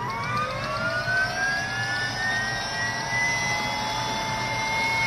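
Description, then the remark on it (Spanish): A helicopter about to take off in a 1982 science-fiction horror film: its engine spools up with a steady, rising turbine whine over a constant rumbling roar, loud, with no voices. “Sí, ahí un helicóptero está a punto de despegar.”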